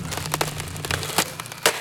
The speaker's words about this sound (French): Il a pris un marteau pour taper. Un marteau énorme et lourd, lourd. Et dans le mur, ça fait... Boum, boum, boum, boum.